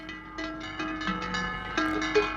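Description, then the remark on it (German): Deep cowbells on cows clang repeatedly in an uneven, overlapping rhythm, their low metallic tones ringing on with a steady resonant hum and no voices. “Das sind tiefe Glocken. Pudding, vielleicht von Kühen? Ja, richtig.”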